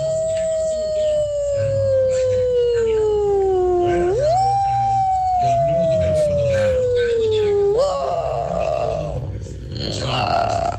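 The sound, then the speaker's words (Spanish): A human voice imitates a she-wolf howling at midnight on a night of electric storm: long, loud, sustained wails that slowly sink in pitch, then jump back up and sink again, ending in a rougher, broken strain. “Mi talento oculto es hacer como la loba a medianoche, una noche de tormenta eléctrica.”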